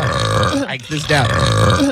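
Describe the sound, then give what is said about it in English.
A recorded burp is played back: a long, loud, croaking burp rumbles low and rough for nearly two seconds, briefly breaking in the middle before resuming, with a voice murmuring alongside it. “I'm telling you, I feel like I have to belch.”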